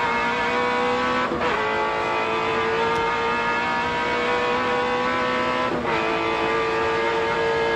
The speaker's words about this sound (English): Take a listen. Exit Mazda corner. It doesn't require too much in the way of commentary. Just listen to that awesome V8.